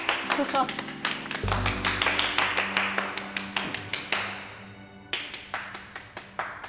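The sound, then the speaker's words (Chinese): Steady, rhythmic applause from the guests at a wedding, welcoming the bride's entrance, beats out a quick even pulse for several seconds, pausing briefly before resuming, with a low sustained tone humming underneath. “现在就让我们以最热烈的掌声迎接出我们今晚最美丽的女士”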